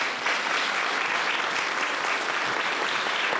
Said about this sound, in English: A round of applause for Bruce.